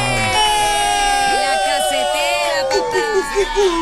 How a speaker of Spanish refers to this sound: Pero aquí están por fin y pido un aplauso grande para la casetera.